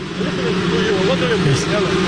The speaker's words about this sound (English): Are we hearing drones all the time now with Trump? It doesn't sound like the helicopter. Maybe it is, but it sounds like drones to me. Listen to the soundbite.